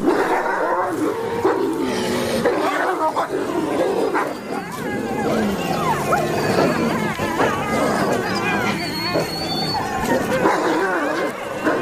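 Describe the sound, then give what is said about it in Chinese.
A wolf pack in a frenzied attack on one of its own members, the most rebellious one, several animals snarling, growling, yelping and whining at once in a loud, continuous tangle of overlapping cries for the whole stretch. “有时族群中反抗性最强的，并且也许是最不受欢迎的那位成员，最终会遭到整个狼群的攻击。”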